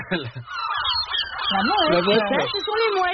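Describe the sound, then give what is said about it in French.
Gulls (goélands) call repeatedly in harsh, wavering, laughing cries that overlap one another, loud throughout, with no talking. “Ça c'est donc le goéland et...”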